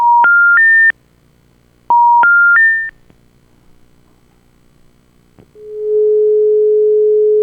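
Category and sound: machine, dial-up modem connection tones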